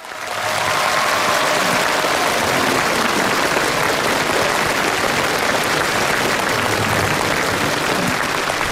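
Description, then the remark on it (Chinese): A large audience applauds two performers on a stage, dense clapping filling the space for the whole stretch after a quick rise, loud and sustained with no voices over it. “感谢大家热情的掌声，这是我们俩第二次站在这个舞台上了”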